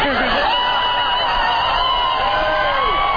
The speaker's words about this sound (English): And then the crowd goes wild.